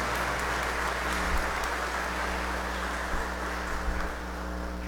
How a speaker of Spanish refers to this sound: Queridos hermanos y hermanas, en este domingo estamos celebrando la solemnidad de la Santísima Trinidad, un solo Dios en tres personas, Dios Padre, Dios Hijo, Dios Espíritu Santo. Regalémosle un fuerte aplauso a la Santísima Trinidad.